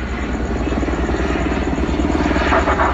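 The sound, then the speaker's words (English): A Los Angeles Police Department (LAPD) helicopter circles over a neighborhood, its rotor thrumming steadily and loudly throughout, a rapid low chopping pulse over a broad engine roar, with no voices. “that's when most people would stay inside, and that's when I go outside, because I want to hear what they're saying, because this was the announcement that was coming from the LAPD bird that was circling.”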